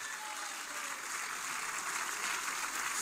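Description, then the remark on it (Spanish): A crowd claps steadily in praise to the Lord, a dense, even wash of many hands at a constant moderate level for the whole stretch, with no voices rising above it. “Palmas de alabanza al Señor.”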